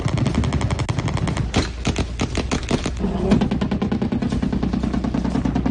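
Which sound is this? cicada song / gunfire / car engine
gunfire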